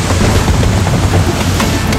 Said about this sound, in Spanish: Pero mientras el barco avanzaba, comenzó una tormenta muy fuerte.